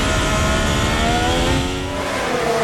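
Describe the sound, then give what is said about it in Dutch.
A Formula 1 car driven by Russell roars past with a loud, high-pitched engine whine, its pitch rising and then sweeping downward as it goes by, steady and continuous with no voices. “Daar komt de Russell weer.”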